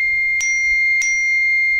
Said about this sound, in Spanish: Perdón. Ya, tenemos sonido de WhatsApp. Sonido de WhatsApp.